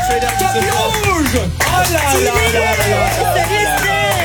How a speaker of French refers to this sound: Je vais vous demander de faire un tonnerre d'applaudissements